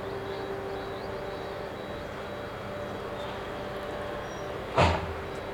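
A truck's engine rumbles and hums steadily, then a sharp hiss or clunk sounds near the end as it stops near a memorial monument, in front of the concrete sarcophagus over a nuclear reactor core.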